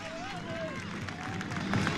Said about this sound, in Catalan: estan en un cantó, escolteu el so de la música i mira, escolteu ara mateix els jugadors comencen al terreny de xoc en aplaudiments de la seva afició.